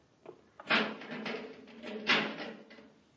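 A heavy metal door grinds and scrapes open, with a sustained rumbling drag that surges loudly twice before trailing off, no voices.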